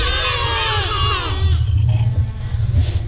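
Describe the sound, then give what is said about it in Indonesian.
A single wavering goat bleat, loud, lasting about a second and a half before giving way to a low, steady background rumble. “Suara kambing.”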